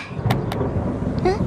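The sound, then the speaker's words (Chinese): A heavy, continuous rumble of thunder rolls through the whole moment, deep, with a couple of sharp crackles breaking over the low roar, just before rain begins to fall. “快下雨了，我们该走了。”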